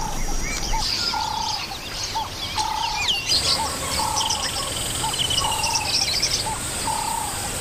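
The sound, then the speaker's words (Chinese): Lilian's (Nyasa) lovebirds chatter in a busy flock while searching the sticky mud of a mud wallow, left after the river receded, for stuck plant seeds, with repeated short, shrill chirps and squeaks over a steady high insect hum, continuous and fairly loud, with no voices. “尼亚萨湖牡丹鹦鹉在粘稠的泥土里寻找被粘住的植物种子，”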